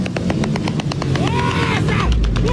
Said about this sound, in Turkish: Onlarca motosikletli peş peşe tek teker üzerinde ilerleyerek gösteri yapıyordu.